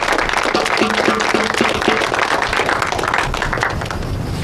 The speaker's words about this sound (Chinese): 大家鼓掌，欢迎。